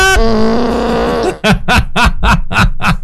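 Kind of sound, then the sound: sound effect, fart sound effect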